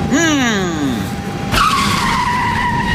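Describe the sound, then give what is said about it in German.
The tires of an airport follow-me car screech and squeal loudly, a sweeping harmonic whine bending downward, then a second sharp skid bursts in and holds a steady high squeal to the end. “Was machst du schon wieder mit dem armen Follow-Me-Auto?”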